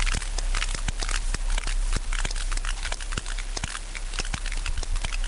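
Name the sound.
series of whale clicks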